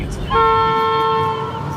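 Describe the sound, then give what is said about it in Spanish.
The Nordlandsbahn passenger train, heading inland, sounds one long, steady horn blast of about a second, a bright chord of stacked tones, over a low rumble of the train running along the track. “El Nordlandsbahn se adentra en el interior, pero casi ningún pasajero se da cuenta.”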